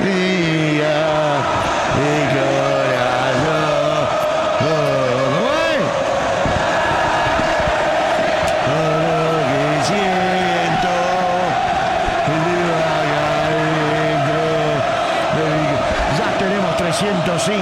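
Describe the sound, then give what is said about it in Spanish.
A huge stadium crowd of Boca fans chants and sings in unison during a football match against Central Córdoba, the melodic, rhythmic phrases rising and falling loudly and steadily, with occasional sharp thumps and claps breaking through. “lo de los hinchas de Boca, escuchá.”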